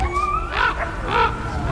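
Two harsh, hoarse raven calls, each a short croaking burst spaced about half a second apart, over a faint steady background hum with a thin whistling tone at the start, as ravens in numbers move in on a white-tailed deer carcass torn apart by wolves on an icy lake shore.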